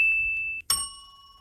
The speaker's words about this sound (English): Can you hear that? I heard it. Or do I need to go like... Yeah, that one's better. I need to like hold it up to my... Okay. I got my own bell now, which is sick.